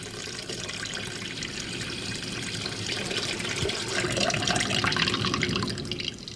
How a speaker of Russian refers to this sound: Около дома стояло 6 больших сосудов для воды, но сейчас они были пусты, и Иисус знал это. «Наполните сосуды водой», — сказал Иисус слугам, и те наполнили их доверху.